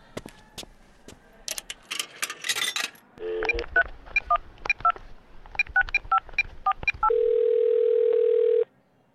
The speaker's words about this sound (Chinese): 等一下，出发前我想要再打一通电话。